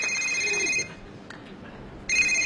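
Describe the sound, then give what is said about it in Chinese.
A telephone rings in two electronic bursts with a short pause between them, loud, with no one speaking; the call is from the speaker's father-in-law. “哟，我岳父打电话来了，赶紧跟他老人家解释一下。”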